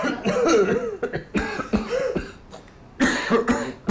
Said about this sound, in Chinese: 哎，有点咳嗽。 怎么了？你们都啊，轮流咳嗽啊？ 院里这几天大扫除。